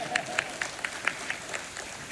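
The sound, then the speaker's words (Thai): An audience claps in a steady, even rhythm, about four sharp claps per second, moderately loud over a low background murmur, applauding as a section head of the Chumphon Provincial Administrative Organization is introduced. “ปรบมือนิดนึงครับ”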